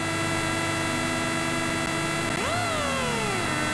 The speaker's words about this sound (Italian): Possiamo anche alzare a palla il volume, sentire il motore che arriva al limitatore di questa bella Citroen DS3 di Rally 2.